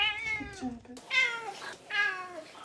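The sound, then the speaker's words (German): A cat meows insistently for food, giving two or three drawn-out, falling cries in quick succession with short pauses between them, loud and clear with no talking. “Das Einzige, was ein bisschen schwierig ist, ist halt dadurch, dass sie daran gewöhnt ist, zu miauen und Futter zu bekommen, miaut sie halt wirklich sehr viel.”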